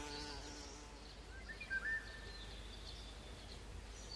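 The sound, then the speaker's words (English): A bee buzzes as it escapes a spider's grab on a wild flower shaken by the wind, its steady drone wavering in pitch and briefly swelling before it trails off as the insect flies away, with faint outdoor background noise and no voices. “It snatches at its prey, but the wind shakes the flower, allowing the bee to escape.”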